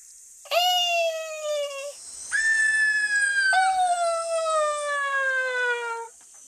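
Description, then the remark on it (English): A voice imitates a greater sooty owl with three long, loud, high wailing whistles that slowly slide downward, the last held longest, with no talking around them. “Can you be a greater sooty owl calling out in the dark forest?”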